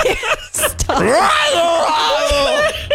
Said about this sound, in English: this is two times in a row you screamed into the mic. I'm so sorry. At the beginning of the segment, too.